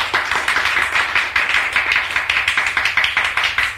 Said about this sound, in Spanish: Aplausos desganados de todos, menos de los padres del ganador, que se queman las manos de tanto aplaudir a su hijito sabio.